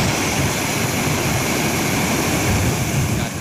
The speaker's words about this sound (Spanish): Por la tarde, en Celadas, las fuertes lluvias se dejaron notar y el municipio recupera ahora la normalidad después de la fuerte tormenta de ayer. Así sonaba la gran tromba de agua.